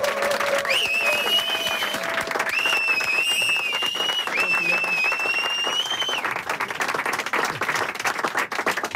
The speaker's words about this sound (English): Anyway, we will make the biggest round of applause, and then he will suddenly appear here and play the most amazing set.